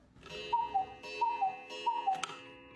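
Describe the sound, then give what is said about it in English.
An old battery-powered alarm clock with a dark, shiny face, big white numbers and red hands, sitting on a table between a bed and a window, ticks in a steady, even rhythm, each beat carrying a faint ringing tone. The sound is moderately quiet, with no voices. “Then he remembered his old alarm clock in the cupboard, the one he'd used in days before cell phones.”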